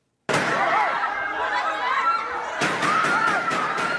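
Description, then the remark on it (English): A rapid burst of about six sharp gunshots cracks out in quick succession, loud, over a continuous din of agitated voices, fired inside the Senate building in the Philippines. “Now, a Philippines politician wanted by the International Criminal Court is safe after gunshots were fired in the Senate, where he's been holed up since Monday.”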